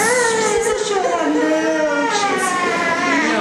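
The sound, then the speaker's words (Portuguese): A baby wails loudly and continuously after receiving a vaccine shot, the sustained cry rising and falling in pitch without pause. “O choro, mas aí faz bem pra eles, é bom pra saúde, né?”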